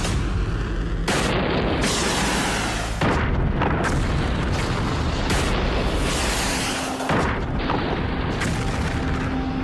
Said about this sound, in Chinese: 导弹命中目标。当时心里其实是比较忐忑的。当看到这个所有的弹都顺利爆炸了，然后我们这个星才落地。